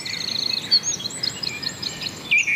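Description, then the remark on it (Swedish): Birdsong fills the air, with several birds trilling and chirping high-pitched, overlapping phrases over a soft outdoor background hiss. No voices. “Och så kan vi konstatera att intresset för fågelsång verkar öka.”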